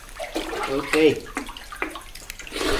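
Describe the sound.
Someone wades into clear water with a little lime on its surface, to watch where a diver will submerge, with irregular sloshing and splashing swells and pauses over a few seconds, and a brief voice sound partway through.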